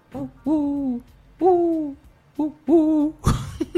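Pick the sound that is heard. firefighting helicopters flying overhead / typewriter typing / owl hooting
owl hooting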